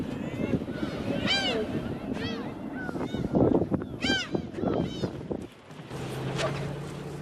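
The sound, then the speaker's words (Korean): Seagulls call out in a series of sharp, rising squawks, several close together, over a steady rumble of a fishing boat's engine and wind; a low motor hum continues near the end. “타는 속도 모르고 갈매기만 신이 났습니다.”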